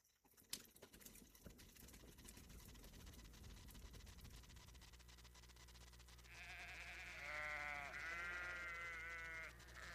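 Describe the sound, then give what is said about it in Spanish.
Shuffling, scattered movement noises give way to a chorus of sheep bleating as Moses gathers his sheep with his staff, several wavering bleats overlapping loudly over the last few seconds. “Moisés tomó su cayado y juntó a sus ovejas.”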